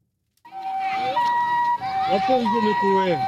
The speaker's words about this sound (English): The sound of ambulance sirens carrying Ebola victims has become very familiar in Ituri province in the northeast of the Democratic Republic of Congo.